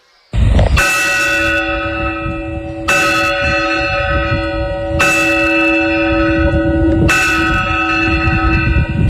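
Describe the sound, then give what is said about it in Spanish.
The church clock bells of Fórnoles chime four loud, evenly spaced strokes about two seconds apart, each ringing tone overlapping the long sustained hum of the one before, with a low rumble underneath. “Bueno, y esto que están escuchando son las campanas del reloj de Fórnoles.”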